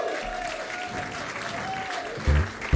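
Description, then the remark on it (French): A crowd claps steadily for the opening act in a dense, continuous burst of applause, with a faint steady tone running underneath and a couple of louder thumps near the end. “qu'on peut applaudir déjà, en première partie.”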